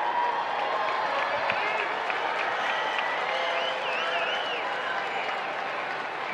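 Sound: baseball stadium crowd applauding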